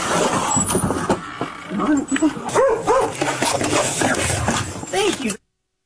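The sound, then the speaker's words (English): A large turtle weighing about 100 pounds gives a series of short, hoarse, dog-like barks, repeating irregularly over a noisy outdoor background with a low engine rumble. “And he barks like a dog.”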